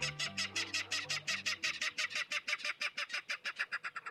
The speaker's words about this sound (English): In a salt marsh near San Francisco, a loud clatter erupts from the dense vegetation. These jolting notes, like a small engine cranking up, are the voice of a Ridgway's rail.